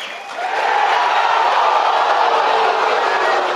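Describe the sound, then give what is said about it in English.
A baseball stadium crowd bursts into a loud, sustained roar of cheering as two runs score on a 1-2 pitch from David Hagen, swelling within the first half-second and holding steady as a dense wash of noise, with no single voice standing out. “Downstairs, if you couldn't tell by the crowd. Crowd will let you know.”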